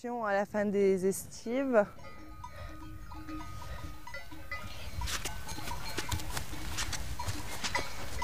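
A flock of sheep bleat loudly, two or three quavering calls in the first couple of seconds, then fall quiet as bells tinkle and hooves clatter across the ground while the sheep are sheltered for the night.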